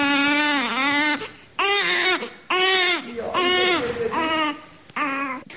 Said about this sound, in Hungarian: Nagy Margita szegedi nőgyógyászati klinika újszülött osztályán, ahol örülnek a csecsemősírásnak